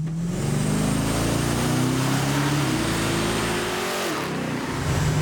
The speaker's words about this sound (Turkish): Ama yakıt pompası inanılmaz derecede gürültülü. Evet, bunlar öyledir. Bunlar gürültülüdür. Acaba yakıt pompası ne durumda?